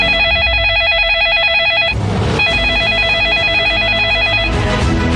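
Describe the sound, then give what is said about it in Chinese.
A loud telephone ring with a fast warbling trill, sounding in two long bursts separated by a short break, over a steady low background. “快拿起您的电话抢购吧！”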